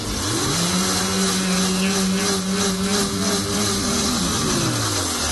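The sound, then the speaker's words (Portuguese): A blender motor whirs up to a steady, loud hum, churning for several seconds before winding back down, with a rough, noisy roar layered over the drone and no talking; it is blending condensed milk, coconut milk, milk and eggs. “No liquidificador, você vai bater o leite condensado, o leite de coco, o leite e os ovos por cerca de um minuto.”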